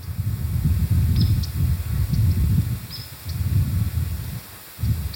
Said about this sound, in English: she stops mid-sentence and she looks up. the birds are chirping and flying all around, right?